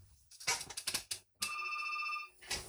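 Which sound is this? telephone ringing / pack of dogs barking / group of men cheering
telephone ringing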